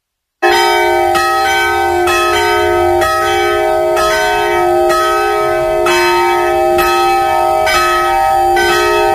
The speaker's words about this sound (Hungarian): Pontosan déli harangszóra érkeztünk ide a radoscsányi református templomhoz